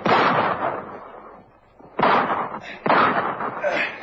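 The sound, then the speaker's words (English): Three loud pistol shots ring out, the first two seconds apart and the third close behind, each a sharp crack followed by a ringing, echoing decay with no talking. “Stop him! Stop him or I'll fire!”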